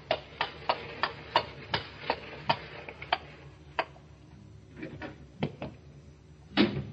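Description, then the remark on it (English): Sharp hoof clops ring out in a steady rhythm, then slow and thin out as a horse-drawn four-wheeler carriage draws up before a door in a gas-lit street late on a summer night; a few scattered knocks and a louder thud follow. “And late one summer night, when the shutters were long closed on those windows, a four-wheeler drew up before the door in the gas-lit street.”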